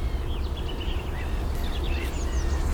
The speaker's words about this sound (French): Rouge-gorge.